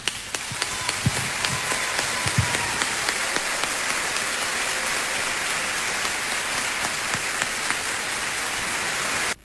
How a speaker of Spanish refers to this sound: Mi felicidad es compartir este escenario con estos grandes artistas, y yo les brindo mi aplauso personal.